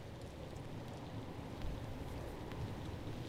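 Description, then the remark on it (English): Steady, dense thunderstorm rainfall with a deep low rumble underneath, continuous, with no voices; a slight swell partway through suggests thunder. “That's …. From ….”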